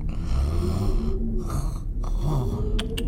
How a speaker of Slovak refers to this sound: No. Chrápanie.